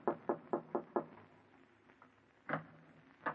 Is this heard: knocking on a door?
yes